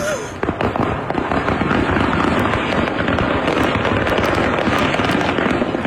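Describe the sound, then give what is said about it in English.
Fireworks going off on the I-75 interstate highway in a dense, continuous barrage: rapid overlapping cracks and booms with crackling pops, loud and sustained throughout with no pause. “Wow, it's a fireworks display on I-75.”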